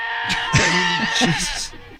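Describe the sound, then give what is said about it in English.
A person imitates a goat's screaming bleat, a loud, strained, wavering cry that lasts about two seconds before cutting off abruptly. “Yeah, those are the goats that sound like that's screaming not funny.”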